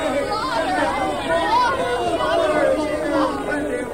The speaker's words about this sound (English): Men, women, and children in joyous haste crowded to the springs.